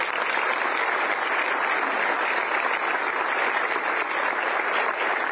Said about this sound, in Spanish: Así que para ella y todas las mujeres que han trabajado en esto les pido sí un fuerte aplauso, por favor.